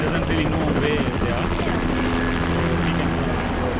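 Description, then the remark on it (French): Loud, steady roar of helicopter engines and thumping rotor blades as about ten military helicopters take off and land in turn at an army camp in Nepal, loading food to deliver to flood-hit areas, filling the whole stretch without a break, with indistinct voices buried underneath. “Sur ce camp de l'armée, une dizaine d'hélicoptères décollent et atterrissent tour à tour.”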